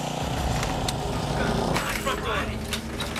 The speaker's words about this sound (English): I can't hear jack shit over the lawnmower.